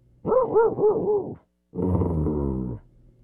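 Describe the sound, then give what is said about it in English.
A person imitates a dog: four quick, bouncy barks in a row, a short pause, then a longer, rough, growling bark that trails off. “That's a pretty good dog.”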